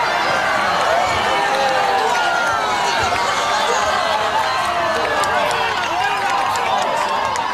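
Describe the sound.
A large crowd roars and cheers continuously, many voices shouting over one another in a dense, steady wall of sound that stays loud for the whole stretch, as people watch a spectacular natural phenomenon and hold each other.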